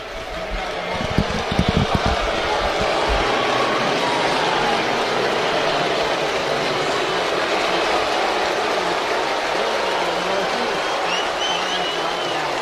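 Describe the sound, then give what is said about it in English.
A large crowd at Fenway Park on a Friday night roars steadily throughout as Rafi Devers is received, a dense wash of clapping mixed with sustained booing, loud and continuous with a few sharper bursts of claps near the start. “Well, half standing and clapping, and as you can hear, plenty of boos.”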